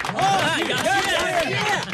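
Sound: group applause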